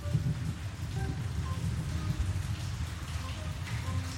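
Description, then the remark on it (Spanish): Steady rain, falling since the previous night, with a continuous hiss and patter, joined by a low rumbling undertone, holding an even, moderate level throughout without any break. “Hoy acá está lindo, está lloviendo, estamos haciendo unos videos caseros.”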